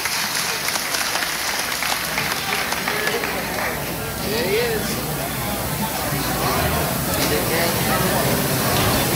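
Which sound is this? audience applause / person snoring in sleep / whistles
audience applause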